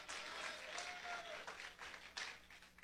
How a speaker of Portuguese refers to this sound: Aleluia, pode bater as palmas para Jesus.